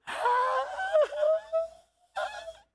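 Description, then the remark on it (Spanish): A male preacher imitates anguished wailing, a strained, quavering cry that rises and bends, breaks off briefly, then resumes for a short second sob, fairly loud. “Tú oyes una persona llorar así, tú sabes que el mundo se le cayó en canto.”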